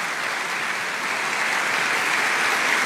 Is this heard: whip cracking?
no